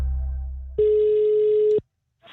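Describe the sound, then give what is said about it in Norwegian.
A single steady ringback tone sounds for about a second after a low hum fades, then cuts off to silence before another faint sound begins, as an outgoing phone call to Peppes rings on the line. “Sentralbordet på NRK prøvde seg på nesten akkurat det samme der han prøvde å ringe Peppes.”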